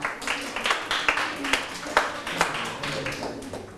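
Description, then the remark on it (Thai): A group of students in a class clapping for themselves after a correct answer, a dense patter of many hands with regular sharper peaks, moderately loud and continuing throughout without any voices. “แรม4ค่ำแรม4ค่ำนะครับถูกต้องปรบมือให้ตนเอง”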